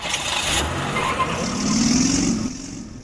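A car engine revs up in the rush-hour traffic of Codó, its tone climbing and swelling midway before easing off, over a steady wash of street traffic noise. No one speaks.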